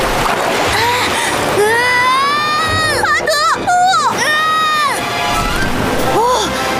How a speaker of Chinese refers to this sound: 大坝解体了，但是巴德呢？水流下来了。